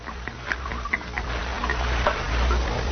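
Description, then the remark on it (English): Liquor is poured from a jug into a cup, a steady trickle with small splashes and light clinks running for a few seconds. No one speaks. “Here's the jug, Mr. Hendry, and I brought you a cup, too. Pour me some.”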